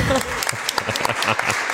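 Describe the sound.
A short burst of applause from a small group, dense rapid clapping held at a steady, fairly loud level close to the microphone, with faint voices mixed underneath.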